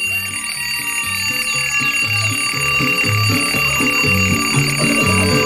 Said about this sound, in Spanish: Porque está apagando la alarma del despertador.